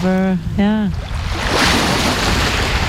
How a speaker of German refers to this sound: wir sind jetzt am Strand, riechen das Salz und sehen ein Schiff kommen. Ja, das ist perfekt hier. Die Sonne kommt auch heraus, dahinter ein Ausflugsschiff.